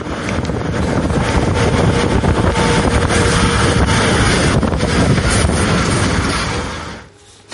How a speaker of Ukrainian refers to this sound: На кадрах видно, як від землі раптово починають здійматися одночасно вітер, пил, полум'я. Рятувальникам довелося поїхати з місця, але зняти цей смерч вони все-таки встигли.